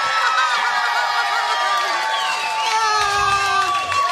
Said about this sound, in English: Here's more of their best moments from the KSSK Saturday Morning Show at Jade Dynasty. Yeah, Jade Dynasty, and the crowd is going wild. They're going wild, yes. The crowd is going wild.